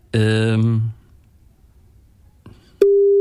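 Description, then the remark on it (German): After a brief sustained voice and a soft click, a loud, steady telephone ringing tone starts near the end, a single unbroken pitch while a call connects. “wen wir da jetzt erreichen, ob wir jemand erreichen.”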